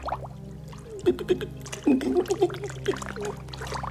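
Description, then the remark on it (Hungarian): Water splashes and sloshes in a few irregular bursts through the middle, moderately loud, as a person out of their depth treads water, over a steady low background rumble. “Nem ér le a lábam. Kezd el lepni a víz.”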